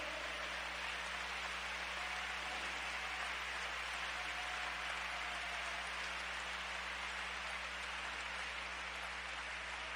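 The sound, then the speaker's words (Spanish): A steady wash of audience applause, many hands clapping together into a dense, hissing roar that holds at an even level for the full ten seconds, with no voices heard. “¡Oh, si ese aplauso es para él de lo más fuerte!”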